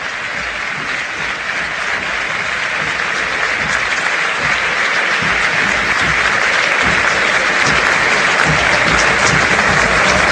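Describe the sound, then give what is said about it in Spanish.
A crowd of 80,000 people stands and applauds Lionel Messi at his farewell from the national team at the Monumental stadium, a steady, dense roar of clapping that fills the whole stretch, loud and sustained without pause, with no voices standing out. “Qué grande será Messi, que una orden que viene de la AFA y que viene del Chiqui Tapia para aplaudir al mejor jugador del siglo.”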